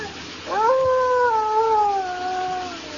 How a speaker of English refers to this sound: That's strange. That howl's coming from the east wing of this cabin. Right over there.